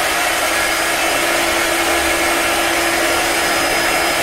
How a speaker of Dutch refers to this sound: Sorry, het was een haardroger.